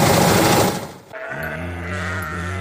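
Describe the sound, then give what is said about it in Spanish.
A loud, rattling burst of noise gives way to a single long, wavering sheep bleat that quivers steadily until the end, clear with no one talking. “Si para dormir te necesitas contar ovejas, tienes un problema. Olvídate de las ovejas”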